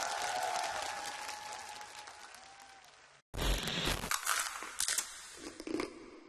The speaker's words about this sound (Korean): 감사합니다. 박수 올렸습니다.